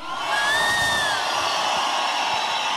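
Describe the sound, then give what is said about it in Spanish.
A concert crowd roars in a steady, dense wash of shouting and cheering for the radio station Radioactiva, with a couple of shrill whistles rising above it early on. No single voice stands out. “¡Un grito por Radioactiva!”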